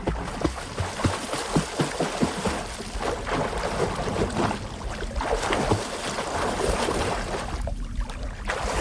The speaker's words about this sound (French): Voilà, bruit de clapotis dans l'eau.